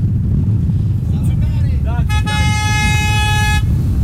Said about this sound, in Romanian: Așa se verifică audiența unui radio. Și de pe străzile secundare vin claxoane care se unesc cu principala.